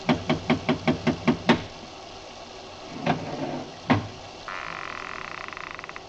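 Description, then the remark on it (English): A quick, even run of about eight sharp raps on a door made with a bronze idol, loud, then a pause and two heavier knocks, followed by a low rattling, croaking buzz. “I lifted the bronze idol and rapped on the door with it, and the voices stopped.”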